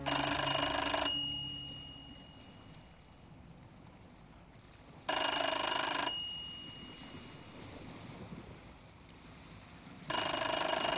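An old-style telephone bell rings in three loud, bright bursts about five seconds apart, each lasting roughly a second, with a low, quiet rumble filling the gaps between rings.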